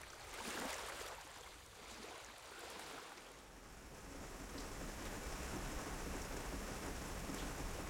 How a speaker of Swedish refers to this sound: När jag vaknar nästa morgon smattrar regnet mot fönstret.